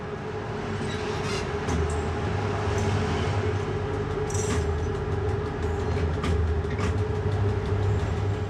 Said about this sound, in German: Güter- und Personenzüge werden sich auch künftig die eingleisige Strecke teilen müssen. Kurzer Stopp in Vranja, um den Regionalzug nach Bar passieren zu lassen.